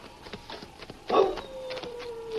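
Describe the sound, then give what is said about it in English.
A dog, Prince, old Limp's dog, whimpers once, a short strained whine that swells suddenly and then trails off into a thin, fading cry, with no talking. “That must be Prince, old Limp's dog.”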